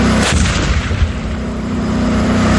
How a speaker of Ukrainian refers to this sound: Виїзд на позицію, вогонь та переміщення в укриття – алгоритм простий, але має бути вивірений до секунд, бо 42-тонний танк – помітна ціль для ворожих дронів. Сьогодні штатні постріли зі штатної 125-мм гармати, плюс зі спареного кулемета